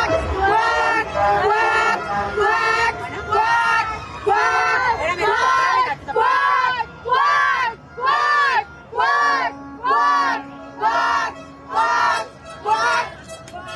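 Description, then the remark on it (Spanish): A crowd of mothers chants "quack, quack" in unison, imitating ducks, the loud shouted bursts repeating in a steady rhythm about once a second after a stretch of mixed crowd noise. “Las mamás en esta ocasión gritaron cuac, cuac, como si fueran patos, y el ajolote buscador también se disfrazó de pato para ver, dicen, si así les reciben o les invitan a Palacio Nacional.”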